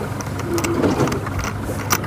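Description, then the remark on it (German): The new research boat of Hochschule Wismar travels on Schweriner See, Germany, on its way to a test site; its engine drones steadily, with a broad rush of water and wind noise and a few brief splashy bursts; no one speaks. “Das neue Forschungsboot der Hochschule Wismar auf dem Weg zur Versuchsstelle.”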